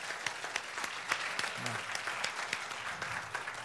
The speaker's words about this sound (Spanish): Come on, give them a hand. Denle un aplauso al Señor por su pastor. Amén.